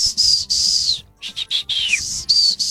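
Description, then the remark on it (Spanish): A person whistles a shrill, high call with no talking: one long held note, a few quick short bursts ending in a downward slide, then another sustained note. It is a father's whistle call used to summon his children. “Ya sabíamos que si escuchábamos ese chiflido, entonces ya teníamos que ir porque mi papá nos necesitaba para algo.”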